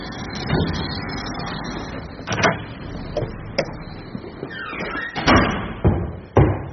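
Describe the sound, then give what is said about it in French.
A heavy door of an apartment building in Paris's 20th arrondissement clunks open and bangs shut, with several sharp thuds and rattles of its latch and frame over a steady low rumble; no one speaks. “Bonjour, on a été franchir la porte devant et troisième étage.”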